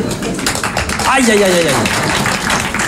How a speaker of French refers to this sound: L'applaudissement, c'est jamais qu'une manifestation tout à fait instinctive du système nerveux cérébro-spinal, par laquelle le chimpanzé ou la ménagère manifestent leur joie frénétique, incontrôlée, à la vue d'une banane